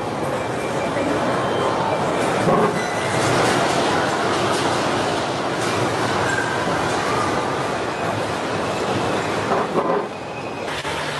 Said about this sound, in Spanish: ¿Está temblando? Está temblando. Es verdad.